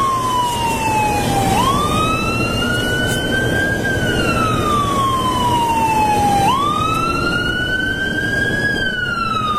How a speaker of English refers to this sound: Oh, that's an ambulance. Did they call an ambulance, or is that just somebody? I don't know. No, it's just going by. Yeah, just going by.